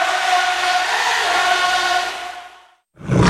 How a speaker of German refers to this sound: Brüllen kann jeder.